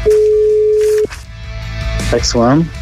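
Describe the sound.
A telephone ringback tone on an outgoing call from an Antyradio show to a contest winner sounds once as a steady, mid-pitched hum lasting about a second, then cuts off as a voice comes on the line with brief vocal sounds.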